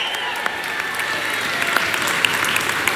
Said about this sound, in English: But first of all, we want to give a big shout out to a certain Eugene Rooney, Mayo legend, Mayo great, loved by all, who was tuned in from Florida tonight. And I'm sure, oh yes, round of applause.